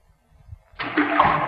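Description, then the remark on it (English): After a quiet moment with a faint low rumble, a rock dropped down a deep well or chasm hits water at the bottom, making a single rushing splash that lingers briefly. “I'm going to drop it down. Now, you'll have to listen hard to hear the splash.”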